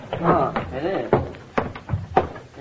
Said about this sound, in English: What's that? What? Sounds like the front door banging in the wind.